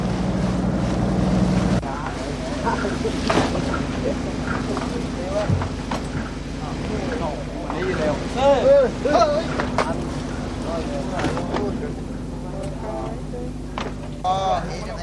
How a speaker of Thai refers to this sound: ที่ท่าขึ้นปลาข้างเขาม่องไร่ในเดือนมีนาคมปีนี้มีเรือประมงเข้ามาลอยลำขึ้นปลาอย่างคึกคัก